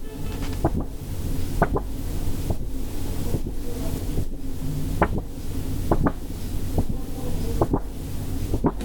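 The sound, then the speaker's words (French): A sheet of paper handled gently from top to bottom: a steady, soft rustle with scattered crisp crackles popping out at irregular moments, no voices. “Je te laisse prendre le papier dans tes mains et nous décrire le geste pour le manipuler.”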